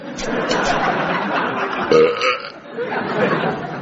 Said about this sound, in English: Good God. Away, it's only a belch, man. Could have been worse.